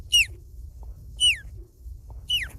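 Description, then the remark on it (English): A 12-year-old boy's voice imitates an osprey call: three high, piercing whistles, each sliding sharply downward, spaced about a second apart over a low background rumble. “And last, the osprey.”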